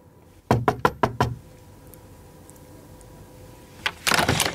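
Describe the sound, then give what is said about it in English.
Five quick, evenly spaced knocks rap on the wooden door of a cabin beside a stateroom on the promenade deck, just after 8:30 in the morning, fairly loud, followed by a quiet pause and then a short burst of muffled shuffling noise. “Just after 8:30 the next morning, I knocked on the door”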